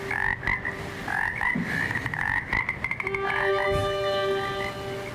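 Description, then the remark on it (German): Frogs croak in quick, repeated pulses, several calls overlapping into a steady chorus, with a sustained droning tone running beneath the second half. No one speaks. “Dass da ein paar Frösche auf der Wanderung gleich mitgehen, wenn der Bogen so über die Seiten wandert.”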